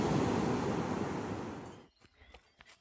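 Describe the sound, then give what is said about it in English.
A loud ocean wave crashes and rushes up the beach at Santa Monica for nearly two seconds, then recedes into quieter fizzing water with a few faint splashes and wind buffeting. “Now best part of running on the beach, I get to cool off in the ocean.”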